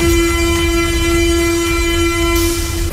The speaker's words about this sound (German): Ja, U-Bahnhof Schillingstraße, gerade wenig los hier auf dem Bahnsteig.